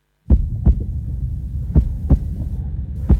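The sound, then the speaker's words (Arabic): A nurse's steady heartbeat, after she was shouted at, threatened and grabbed, thumps in paired low beats, roughly four double pulses over a throbbing low hum, with no voices present. “هذا صوت معدل ضربات قلب ممرضة بعد أن تم الصراخ عليها وتهديدها والإمساك بها.”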